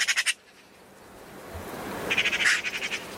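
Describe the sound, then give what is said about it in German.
A European robin sings in short bursts of quick, repeated high notes, one brief phrase at the start and a longer, louder run later, over a steady outdoor hiss. “Wenn ihr Birding-Fans seid, also gerne Vogel beobachtet oder so eine Vogelstimmen-App auf dem Handy habt, dann wisst ihr, das war eine Elster und ein Rotkehlchen.”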